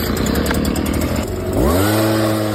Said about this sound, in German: Es ist wieder Laubbläserzeit. In den Gärten läuft wieder die härteste Liga des Herbstes. Die Blätter fallen, der Nachbar lauert am Garten und irgendwo wird garantiert schon der Laubbläser eingewechselt.